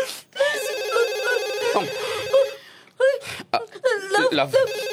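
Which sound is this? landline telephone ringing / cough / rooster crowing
landline telephone ringing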